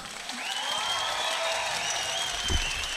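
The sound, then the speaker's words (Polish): An audience applauds steadily throughout for the winner of a final duel, a dense wash of clapping with a few faint cheers and whistles rising over it and a brief thump near the end. “Moi drodzy, wielkie brawa!”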